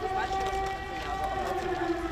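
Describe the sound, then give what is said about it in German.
A steady air raid siren wails during Russian drone attacks on a city on the Dnieper, its sustained tone holding over a dense murmur of crowd noise and city hum. “Luftalarm, eine gespenstische Stimmung.”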